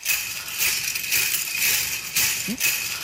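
Metal cones on a jingle dress, a piece of Indigenous regalia, shimmer in a steady, bright rattle, swelling in rhythmic pulses as if with dance steps. The jingling is fairly loud, with no voices.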